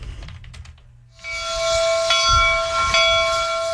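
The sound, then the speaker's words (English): A commuter rail train hisses loudly and steadily, with a thin whistling tone running through it, after about a second of low rumbling and faint clicks. No one speaks. “I think that's a commuter rail.”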